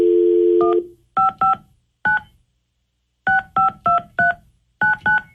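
A steady dial tone cuts off, then a run of short, clear keypad tones beeps out in quick bursts with brief pauses as a phone number is punched in on the 102.5 KDON radio show during a War of the Roses call; no one speaks.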